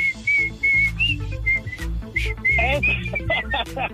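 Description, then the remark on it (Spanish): A bright whistled melody carries the tune of a song often played in Phoenix, in short, clear phrases over a full band with steady bass, loud, with no voices speaking. “Ahí le repite mucho, digo, la del chiflidito.”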